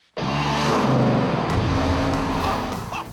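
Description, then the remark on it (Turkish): A V8 car engine bursts to life and revs hard, a loud, deep, rumbling roar that holds steady for about three seconds before easing slightly at the end, with no talking. “Bu ses kaputun altındaki muhteşem V8'den geliyor.”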